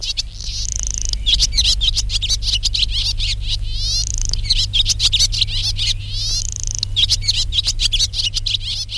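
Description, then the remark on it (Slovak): Many small birds chirp and twitter busily at once, a dense, steady chatter of short high calls, with a low constant hum underneath and no talking. “Niektoré druhy vtákov akoby zdomácnili. Žijú pri nás. Vídame ich denne a preto nám zovšedneli a nevšímame si ich.”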